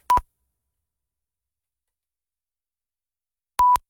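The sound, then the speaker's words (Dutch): Two short electronic timing beeps at the same steady mid pitch, marking the start and finish of a 3.66-second cube puzzle solve, one at the start and one about three and a half seconds later, with silence between them and no voices. “Dus dan begint hij bij de eerste piep. En bij de tweede piep is hij klaar.”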